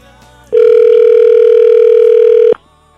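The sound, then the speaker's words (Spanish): A single ringback tone from an outgoing phone call: one loud, steady electronic beep lasting about two seconds, with nothing else around it. “Ahí está, sonando está el teléfono.”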